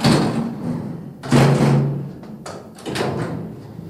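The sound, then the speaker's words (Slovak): A door is slammed shut hard with a heavy, loud bang, followed by a couple more knocks and rattles as it settles in the frame. “Poriadne pribuchnite. Akurát.”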